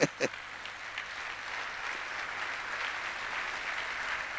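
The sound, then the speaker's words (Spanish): Sustained applause offered to the Lord during a sermon, a steady dense patter of many hands clapping at moderate loudness, with a couple of sharper claps at the start. “Pero demos un aplauso fuerte al Señor.”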